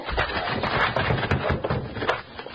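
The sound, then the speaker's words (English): A locked wooden door is broken down: a loud, continuous crunch of splintering wood punctuated by several sharp cracks, lasting a couple of seconds with no voices. “It's locked. We'll have to break it down.”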